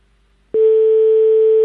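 After a brief silence, a telephone ringing tone comes on over the line, one steady, unbroken electronic beep held at a single pitch, loud and clear with no voices.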